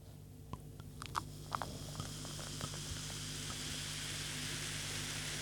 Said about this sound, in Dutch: Hoor eens mensen, dat is geen ruis, dat is geen water. Dat is Peter die inschenkt.